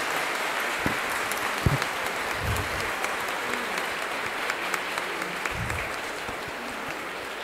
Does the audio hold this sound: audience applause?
yes